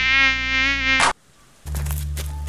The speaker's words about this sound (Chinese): 你马帮帮忙，那人像你，省水省到不洗头，难怪招来那么多苍蝇。